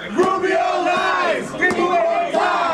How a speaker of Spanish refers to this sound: Obviamente, gente muere, gritaron estos manifestantes atrasando el inicio de la audiencia del secretario de Estado Marco Rubio antes de ser arrestados.